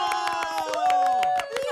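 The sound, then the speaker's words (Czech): Brisk applause from a small crowd, sharp claps rattling steadily for a couple of seconds while voices cheer and whoop loudly over them. “A pak se ozval bouřlivý potlesk.”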